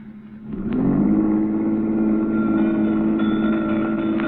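A car engine revs up after a brief low rumble, then holds a steady, loud drone as the vehicle pulls off, with no voices.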